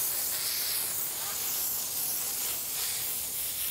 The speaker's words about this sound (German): Sie liebt das echt über alles. Eine richtige Sause mit der Brause. Und dann noch mit Wasserstrahlmassage. Jetzt bloß nicht aufhören.